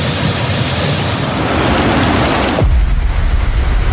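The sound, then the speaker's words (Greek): Heavy rain and rushing floodwater in Mani on 15 August make a dense, steady roar across all pitches. Around the midpoint the sound turns deeper and heavier, a low churning rumble of water surging past. “Έτρεχε από εδώ πέρα καταράκτες.”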